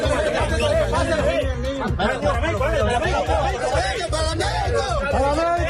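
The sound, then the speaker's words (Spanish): A loud crowd shouting and calling out all at once, many excited voices overlapping in a dense, steady clamor with a few bursts of laughter mixed in, as rescuers pull a baby from the rubble after a magnitude 7.4 earthquake in Colombia. “Este que escuchan es el momento en el que rescataban a un bebé de los escombros. Alegría, nerviosismo y gritos que contrastan con el silencio necesario para la búsqueda”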